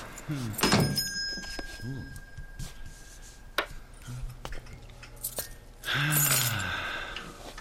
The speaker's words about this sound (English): You realize, of course, there's a more efficient way to let you know a customer has come in than the employment of that small bell above the door.